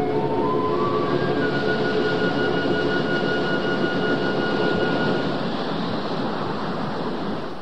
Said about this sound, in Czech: Pozor! Velká vlna!